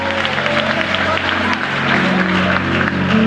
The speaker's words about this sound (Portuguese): De pé como você está, receba aplaudindo ao Senhor.